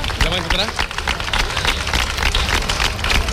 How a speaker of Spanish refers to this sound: Enhorabuena y este caluroso aplauso